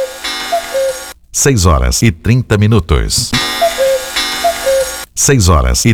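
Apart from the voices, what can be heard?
cuckoo clock chiming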